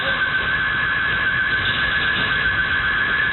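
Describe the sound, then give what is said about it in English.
The burglar alarm of the Minting Trading Cards shop blares with one unbroken, shrill electronic tone as five hooded thieves in black smash their way in around 5:30 a.m. on June 14th. It holds steady in pitch and loudness throughout, with no voices. “The alarms of minting trading cards blare as 5 thieves with their faces covered in hoodies on, all wearing black, smash their way through around 5:30 a.m.”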